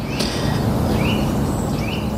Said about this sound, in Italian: Questo che canta, che si sente bene, invece è il picchio muratore.